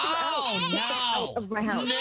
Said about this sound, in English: Oh, no. That is a naughty goat. Naughty. No.